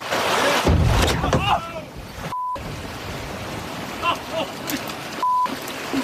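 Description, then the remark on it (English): A whale crashes through the door of a small fishing boat off the Long Island coast of New York, with a heavy thud and splash that sends fish and water flying, followed by wind-buffeted water noise, excited shouting voices of the two fishermen, and two short censor bleeps. “Now, two men out fishing off New York's Long Island coast caught a startling moment when a whale crashed into their boat.”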